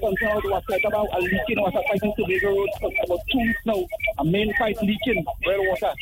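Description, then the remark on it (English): Over a narrow, tinny telephone line, a loud radio plays continuously in the background, its voices and sound blending thickly with the caller's speech for the whole stretch. “Your radio is too loud. Lower it down a little bit.”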